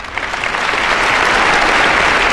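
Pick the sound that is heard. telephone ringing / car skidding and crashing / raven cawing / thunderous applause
thunderous applause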